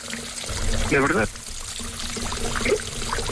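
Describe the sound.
Hot water pours steadily into a bath with a continuous rushing splash, while a voice briefly speaks or hums over it a couple of times.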